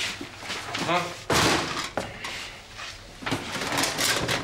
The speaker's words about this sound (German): So, die Schublade lässt sich nicht öffnen.